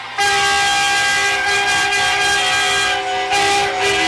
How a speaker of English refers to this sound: Foghorn's getting wild.